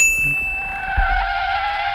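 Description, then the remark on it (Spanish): A bright, sustained lightbulb ding signalling an idea rings out and hangs steadily for the whole moment, layered over a faint low rumble and a brief muffled thump of braking, with no voices. “¿A qué viene ese frenazo? Oh, he frenado porque, como bien habrá escuchado, ha sonado una bombilla y eso significa que me se ha ocurrido una idea.”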